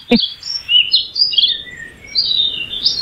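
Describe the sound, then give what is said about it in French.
High, bright bird chirps and warbling notes trill back and forth almost continuously, two birds singing together, with a short click at the start and no voices. “Ben pour moi, c'est deux oiseaux qui chantent.”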